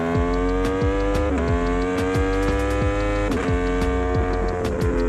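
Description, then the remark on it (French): A motorcycle engine accelerates hard while leaned over through a corner on a race track, its loud, buzzing pitch climbing steadily and dropping back with a few quick gear shifts, running continuously with no voices. “Là on accélère sur l'angle.”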